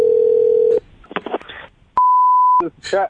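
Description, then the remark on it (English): A steady, loud telephone dial tone hums for under a second, then brief voices, then one long electronic beep of about half a second before talking resumes, as a prank call is placed to a fire station. “We're going to call him at the station and ask to rent one of their fire trucks for a birthday party.”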